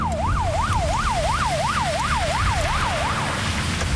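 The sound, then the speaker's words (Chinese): A police car siren wails in quick, steady up-and-down sweeps, loud, over a rumbling bed of engine and road noise, as the police car carries tourists stranded by a broken-down coach on the Chengqin Expressway to escape the heat. No one speaks. “警车马上送大家去避暑。”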